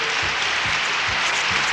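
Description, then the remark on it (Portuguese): A steady wash of crowd applause, an applause sound effect of many hands clapping together in a dense, continuous roar at even loudness, with no voices. “Mais palmas, oi, oi, oi, oi, oi.”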